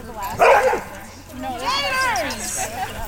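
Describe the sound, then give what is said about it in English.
Dogs bark and yip: a sharp bark bursts out, followed by a run of high, wavering yips and whiny cries that rise and fall over a couple of seconds, from a large pack of dogs of all shapes and sizes let off leash during filming. “The filming overall went more smoothly than you'd expect for a show featuring a large pack of dogs of all shapes and sizes.”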